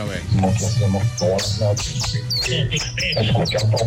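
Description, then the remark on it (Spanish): A person whistles through their lips in quick chirping, bird-like trills, mimicking a small songbird over a busy background with low hum and some voices. “Mi talento oculto es hacer como un pajarito.”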